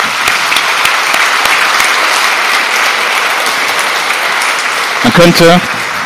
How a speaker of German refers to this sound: Ihr habt unseren Kindern eine gute Zeit bereitet. Und deswegen ein Applaus.